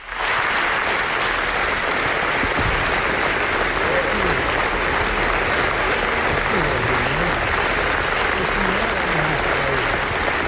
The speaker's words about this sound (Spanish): fijaos el aplauso que recibieron los directores en la presentación del documental